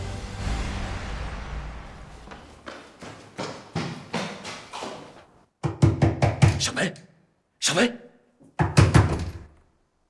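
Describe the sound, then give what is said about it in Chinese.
Loud, insistent, heavy knocking on a door comes in several rapid bursts with short pauses between them. A man's voice calls out briefly between the knocks, urging the person inside to open up. “我知道你在里面，出大事了，快开门！”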